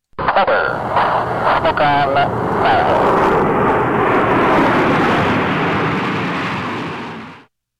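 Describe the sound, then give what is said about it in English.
A Snowbirds Tudor jet trainer aircraft roars past overhead at Moose Jaw, Canada, a loud, sustained rush of engine noise with a high whine early on, holding steady for several seconds before cutting off. “And when those Tudors make one last pass over Moose Jaw, there will be a few tears mixed in with the applause.”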